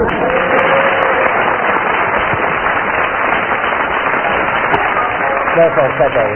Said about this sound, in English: Let's have another big round of applause